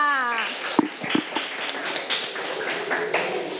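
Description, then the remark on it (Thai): A group of schoolchildren in a classroom clap together at the teacher's request for the first role-play situation, starting with a few scattered claps that quickly build into a dense, steady patter of applause. A brief voice is heard just before the clapping begins. “ปรบมือให้สถานการณ์ที่หนึ่งค่ะ”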